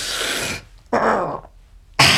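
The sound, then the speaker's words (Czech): A red deer stag bellows in the mountains in three harsh, rasping bursts separated by short pauses, loud, with the last call cut off abruptly. No one speaks. “Na horách jelení.”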